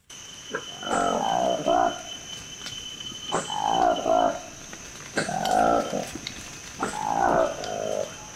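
A newly discovered Likweli monkey in the Democratic Republic of Congo gives four loud, drawn-out calls, each a rough, wavering moan lasting about a second, spaced by short pauses, over a steady high drone of insects.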